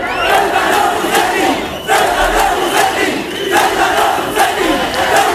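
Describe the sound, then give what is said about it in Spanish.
Hundreds of protesters surrounding the hotel where government ministers are staying in Ceuta chant and shout "traitor" in unison, repeating it in steady rhythmic bursts over a constant roar of many voices. “Ayer cientos de manifestantes rodearon el hotel donde se alojan los ministros del gobierno que acuden a la ciudad al grito de traidor en el caso del ministro Torres.”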